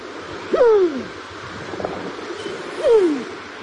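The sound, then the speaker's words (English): Two soft, descending cooing calls from a Kererū (New Zealand pigeon), spaced a couple of seconds apart, over a steady background hiss of wind or surf. “The New Zealand pigeon.”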